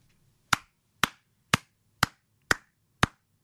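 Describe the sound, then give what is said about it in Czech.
A single person claps six times in a steady, even rhythm, each sharp clap spaced about half a second apart, with near silence between them. “Tak tleskám Kubovi za to, že je skvělý manžel a táta a tleskám Petře za to, že ho takhle krásně umí pochválit.”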